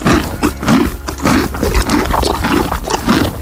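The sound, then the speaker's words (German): At a horse farm, a horse chews a cucumber with loud, wet crunching in a steady rhythm, each bite landing roughly twice a second, with a low grinding rumble underneath and no voices. “Oh, da wurde aber ordentlich gekaut. Das muss irgendwas Hartes sein.”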